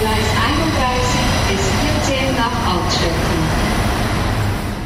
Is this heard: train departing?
yes